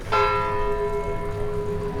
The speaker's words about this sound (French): Oh, quelle chose magnifique que le son clair et émouvant d'une cloche qui, très haut, au-dessus de nos têtes, nous parle à tous, du sein de la nuée, comme une puissante voix venue du ciel.